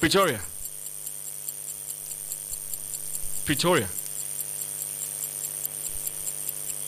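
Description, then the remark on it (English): A countdown clock ticks steadily and fast throughout at moderate volume while a voice briefly speaks twice over it. “Time is ticking, Pretoria.”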